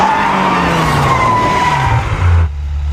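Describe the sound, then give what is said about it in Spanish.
A car brakes hard to stop at a red light, and its tyres skid with a loud, sustained screech that slowly falls in pitch over a low engine rumble, then cuts off abruptly as the vehicle stops. “¡Frena el auto!”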